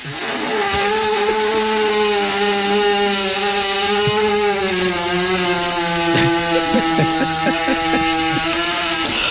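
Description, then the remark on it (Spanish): A horse lets out a long, loud fart, a steady rattling buzz like a power tool that drones on for about nine seconds with a few sputters toward the end. “Venga, el vecino un domingo a las 6 de la mañana con el taladro. Venga, no, eso era un caballo, ¿verdad? Que prendió una motosierra.”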